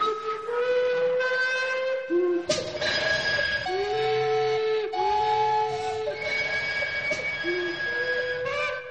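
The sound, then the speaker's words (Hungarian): The whistle of the Zsuzsi narrow-gauge steam train blows loud and steady for several seconds, its rich harmonic tone shifting pitch in a few stepped changes, with no voices over it. “Egyúttal a kisvonatot átadja a baráti körnek és annak alapítványának.”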